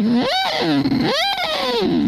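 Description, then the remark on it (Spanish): A voice imitates a lighthouse horn as a distorted, siren-like wail, rising and falling in pitch twice over about two seconds, loud and continuous with no other talk. “Vienes a encenderlo, pero con el sonido del faro.”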